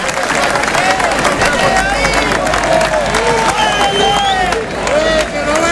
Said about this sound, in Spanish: si no lo hemos nombrado, quiero un fuerte aplauso para la dirección deportiva de este club. Aplauso para Manu Gil.